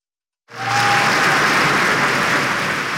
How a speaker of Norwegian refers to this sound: I går så ble Kong Harald hedret også på fotballbanen. Foran alle de 8 kampene I herrenes eliteserie så var det minnemarkering som ble avsluttet med 1 minuts applaus.